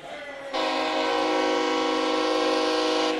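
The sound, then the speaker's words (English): At a football game, officials blow a whistle for an unplanned timeout: a loud, steady blast starts after a brief pause and holds for about two and a half seconds with a rich, unwavering tone before cutting off. No one speaks. “Whistles from the officials, obviously indicating that.”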